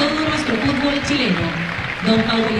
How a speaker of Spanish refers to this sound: Se le rinde un sentido homenaje acá en el estadio Germán Becker de Temuco. Hay aplausos para el gran Caupolicán Peña.